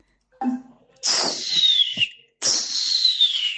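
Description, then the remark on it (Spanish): A voice mimics the cry of an eagle taking flight: a short low sound, then two long, loud, high-pitched screeches that glide downward, separated by a brief pause, with no talking. “O es un águila agarrando vuelo.”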